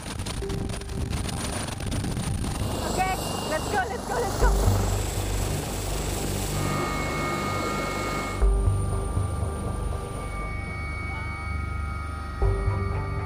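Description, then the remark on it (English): A helicopter flies off into the Alps toward a training area, its loud, steady rotor drone and engine whine filling the whole recording, with indistinct voices faintly mixed in beneath the noise. “My first helicopter flight, I'm terrified.”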